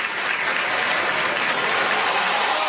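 A big crowd of Mississippi State fans at a baseball game against Georgia roars and claps without letup after a pitch clock violation, a dense wash of cheering and applause that stays loud and steady throughout, with no clear voices standing out.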